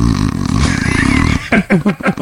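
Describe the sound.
A person imitates snoring with a loud, low, rattling buzz held for over a second, followed by a few short, choppy voiced bursts.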